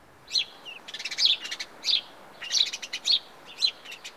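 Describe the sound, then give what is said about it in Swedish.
A house sparrow (Passer domesticus) chirps in a lively series of short, bright notes, coming in quick clusters over a few seconds, clear with no other sounds around it. “Passer domesticus är det vetenskapliga namnet på den här fågeln.”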